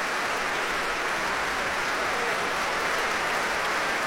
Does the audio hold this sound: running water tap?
no